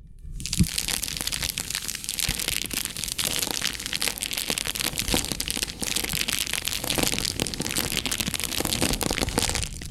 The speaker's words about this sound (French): Le crépitement de la flamme.